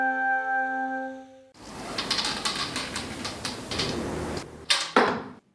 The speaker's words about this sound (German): Eine Bogensehne wird gespannt, losgelassen, der Pfeil fliegt ins Ziel.